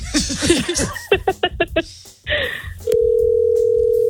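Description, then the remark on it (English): A phone line on an outgoing call from a radio studio to a woman's mother: after bursts of laughter and chatter, a steady, loud electronic tone begins and holds unbroken to the end. “Yeah, tell her to pick up her phone.”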